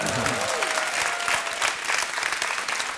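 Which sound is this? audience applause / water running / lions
audience applause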